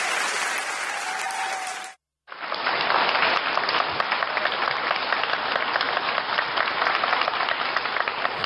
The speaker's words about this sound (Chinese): 感谢您的掌声啊， 谢谢吧。哎， 这场呢是咱哥俩， 是 一上台大伙儿报以热烈的掌声， 对， 欢迎咱俩， 没错， 非常的感谢。